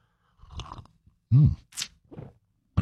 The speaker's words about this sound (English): Grab a little coffee, a little juice, a little OJ, whatever you need to get your day off to a good start. We call it the morning slurp.